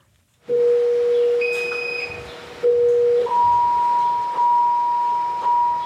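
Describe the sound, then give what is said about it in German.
A patient monitor alarm sounds in the central monitoring station of a ward at a Jewish hospital, set off when pulse, blood pressure or blood oxygen is out of range: steady electronic tones, a long low tone, a shorter repeat, then a higher pitch held with brief stutters. It is fairly loud, with no talking. “Dann tönt ein Alarm in der Zentrale der Überwachungsstation, wo vier Schwestern und Pfleger vor Bildschirmen sitzen.”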